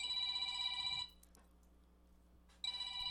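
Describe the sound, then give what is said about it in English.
A telephone rings twice with a bright, trilling electronic tone, fairly loud, separated by a pause of near silence. “I'll have to get to the phone, I guess.”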